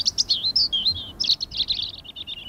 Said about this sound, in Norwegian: Fuglekvitter, og jeg føler at man kan høre varmen også. Og det var sånn mild, deilig vind som bare stryker deg på hodet.